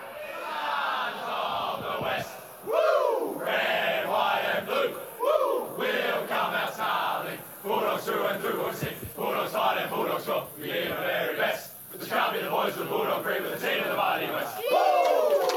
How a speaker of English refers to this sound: Maybe a bit of a routine singing of the song there, but they were pretty exhausted after the second half in particular.